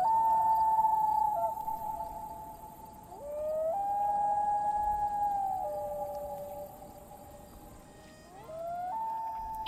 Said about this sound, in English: What I'm looking at here, where I found this recording, there's a picture of these two little baby loons riding on the back of another loon.